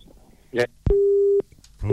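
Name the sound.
phone busy tone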